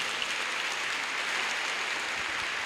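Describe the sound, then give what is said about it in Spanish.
Steady applause from a crowd, a dense wash of many hands clapping at an even, sustained level for a few seconds with no voices standing out, given as applause for the love of God. “Dele un aplauso al amor de Dios.”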